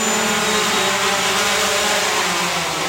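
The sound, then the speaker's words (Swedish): A white fixed-wing delivery drone with a 2.5-metre wingspan, shaped like a small glider, drones steadily overhead as it comes in to land on a parcel-delivery test flight to a village: a loud, continuous whirring engine tone with a broad rushing hiss and no voices. “Nu ser vi den. Och kommer in för landning!”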